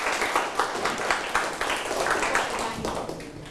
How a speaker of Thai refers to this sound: โอเคยอดเยี่ยมมากเลยครับปรบมือให้พวกนี้ครับ